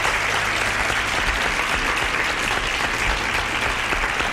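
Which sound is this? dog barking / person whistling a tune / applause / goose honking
applause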